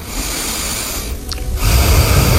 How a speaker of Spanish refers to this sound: Quiero oír tu respiración, ¿eh? ¿Cómo es la tuya?